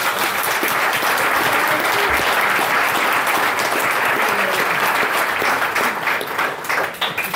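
A large audience breaks into sustained, loud applause, dense clapping filling the room steadily for several seconds before thinning slightly at the end.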